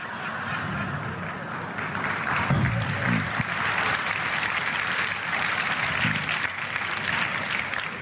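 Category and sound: crowd, audience applause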